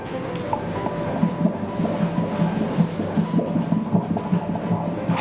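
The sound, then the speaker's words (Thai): A fetal heartbeat picked up by an ultrasound Doppler during a pregnancy scan: rapid, steady whooshing thumps, roughly two per second, a normal fetal rate about twice as fast as an adult's, over a constant hiss of static. No one speaks. “อันนี้เป็นเสียงหัวใจเด็กนะคุณแม่หัวใจเด็กจะเต้นเร็วกว่าผู้ใหญ่2เท่าเพราะฉะนั้นจังหวะที่ได้ยินนี่คืออัตราปกติ”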